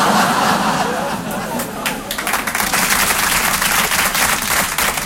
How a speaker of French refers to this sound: C'était un piège. J'ai les noms de ceux qui ont applaudi.